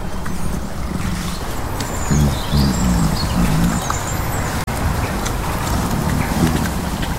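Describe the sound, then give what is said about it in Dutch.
Robins chirp and tweet in short bursts over a steady low rumble and some shuffling, clomping movement while birds are being fed. The chirps come and go, with no one speaking. “Er komen ook altijd roodborstjes zo een beetje rondcirkelen om te kijken wat ze...”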